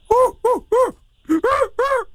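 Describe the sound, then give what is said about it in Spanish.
A person on a phone call imitates a strong, rough orangutan with six loud, rough, hooting calls, three in quick succession, a short pause, then three more, each rising and falling in pitch. “¡Ahí está el orangután!”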